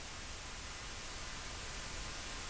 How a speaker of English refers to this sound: scattered across the slope were between 100 and 200 solar-powered Bluetooth speakers planted in the ground. Has anyone seen this? Together, they produce something between static and a scream sound.